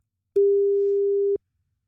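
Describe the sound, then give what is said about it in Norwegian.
A single steady electronic telephone ringback tone, heard while calling a producer to see if he is on his way, lasting about a second, clean and fairly loud, starting and stopping abruptly with a faint low hum beneath it. “så jeg tenker at vi må nesten bare prøve å ringe han og se om han på vei eller ikke.”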